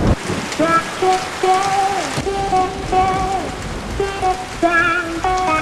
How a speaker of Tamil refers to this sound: மழை நிக்காம தூரிக்கிட்டு இருக்கு